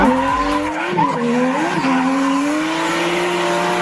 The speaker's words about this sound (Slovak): Aký zvuk sme ti pustili? Podľa mňa je to zvuk driftujúceho auta. A je to správne! Tak, tak, je to driftujúce auto.